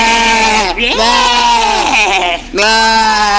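A goat bleats loudly in three long, wavering cries, one after another with only brief breaks between them.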